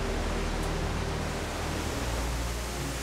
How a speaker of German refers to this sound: Das hier ist der Korninger Wasserfall. Im Winter bauen sich hier auch schöne Eiskaskaden auf.